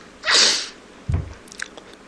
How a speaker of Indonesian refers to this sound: Ini kebiasaan suaminya. Kalau bersin itu mengagetkan. Suaranya keras.